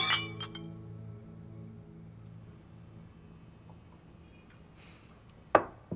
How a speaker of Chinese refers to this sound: 干杯。